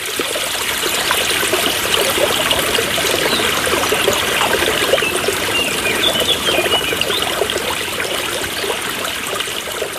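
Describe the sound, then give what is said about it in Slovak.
Spring water trickles steadily over stones, a continuous babbling with bright splashy detail throughout, no voices present. The spring was used only for washing laundry and for hygiene, not as drinking water. “Slúžil tento prameň aj na zdroj vody na pitie?”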